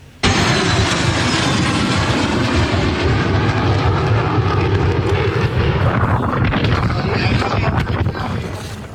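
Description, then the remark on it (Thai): A loud, sustained roar of three F-16 fighter jets flying overhead as an escort for the prime minister's visit to Wing 1, Nakhon Ratchasima province, Thailand, filling the whole clip; around the end the tone shifts and thins as the aircraft pass by. “F-16 3ลำนะครับบินคุ้มกันบุคคลสำคัญนี่เป็นการบินแบบ Escort ครับเป็นการบินเครื่องบินให้กับนายกเพื่อฝึกเสมือนจริงแล้วก็ให้เกียรติในโอกาสที่นายกมาตรวจเยี่ยมกองบิน1จังหวัดนครราชสีมาครับ”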